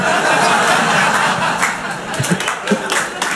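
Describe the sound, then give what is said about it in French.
Audience applause: a dense, steady wash of many hands clapping, mixed with scattered laughter and crowd murmur, holding loud throughout before thinning slightly toward the end. “Non, n'applaudissez pas ça, messieurs, dames.”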